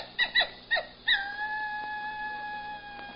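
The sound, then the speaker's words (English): Dingoes howling in the Australian desert: a few short rising yelps, then one long, steady, high-pitched howl that holds its tone for about two seconds before fading, with no voices. “Those dingoes, they sound like coyotes.”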